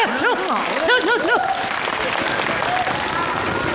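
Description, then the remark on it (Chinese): An audience bursts into steady, dense applause lasting several seconds, with a few voices calling out over the clapping early on before it settles into an even patter. “挺好的，就是没掌声啊。”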